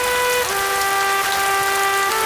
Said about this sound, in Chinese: 下雨了，参谋，下了很大的雨啊。